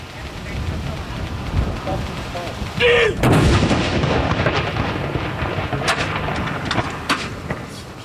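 A single loud cannon boom from a ceremonial mourning salute of 21 shots fired at 30-second intervals at Akershus Fortress cracks out about three seconds in, then rolls off in a long echoing rumble over steady outdoor background noise.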